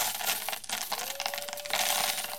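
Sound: coins dropping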